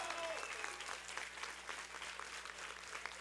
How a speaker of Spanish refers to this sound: Un aplauso para Pablo.